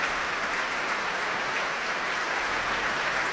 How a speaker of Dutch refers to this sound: En hier klinkt het applaus voor Klaus Mekkelen. En hij is op weg naar zijn plek voor het Concertgebouworkest.